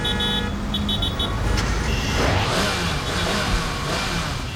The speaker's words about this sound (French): T'entends? Je te l'avais dit, je le reconnais, c'est son moteur qui rugit.